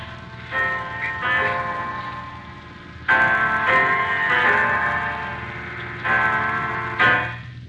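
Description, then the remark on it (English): A clock strikes ten o'clock with a series of resonant, ringing strikes, each tone lingering and overlapping the next at an uneven, stately pace, fairly loud, with no voices. “It's 10 o'clock, Mrs.”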